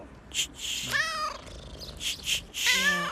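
A cat meows twice up close, each cry drawn out and tonal, with short breathy, hissing bursts in between and no talking.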